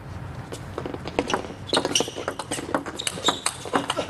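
A fast table tennis counter-looping rally between Yuan Licen and Wen Ruibo, played far from the table: sharp, crisp ball hits come in quick succession over a steady crowd hum, with occasional shoe squeaks on the court floor between strokes.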